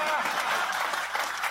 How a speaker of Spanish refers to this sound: Ese es un buen termómetro, el aplauso.